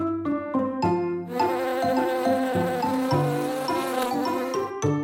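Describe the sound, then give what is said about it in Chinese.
A honeybee buzzes steadily in flight, dancing a figure-eight in the air, its loud droning hum rising and falling in pitch as it moves, with no voices. “咦，小蜜蜂为什么会在空中跳八字舞？”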